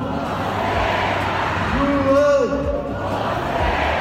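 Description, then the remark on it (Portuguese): A large tennis crowd at a UTS event in the Maracanãzinho arena roars and cheers continuously for João Fonseca, with rising chanted calls swelling in the middle before the noise settles back into a steady, loud din of voices. “Primeiro com o barulho da torcida e a comemoração, muito voltada para João Fonseca, o grande nome da noite.”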